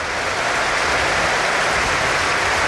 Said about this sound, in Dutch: Dubbele wissel bij Feyenoord. 8 Givai Zegiel het veld. Mooi applaus voor hem weer.